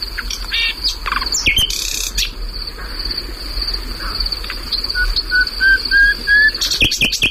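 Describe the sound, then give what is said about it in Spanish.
A bird sings at night outdoors, a run of short rising whistled notes and scattered chirps over a steady, high insect drone, with no voices. “O sea, este pájaro, por cierto, perdona, sí, está cantando en un lugar que anteayer ardió.”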